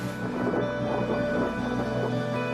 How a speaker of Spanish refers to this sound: Durante el tiempo que pasamos en el refugio hubo fuertes tormentas.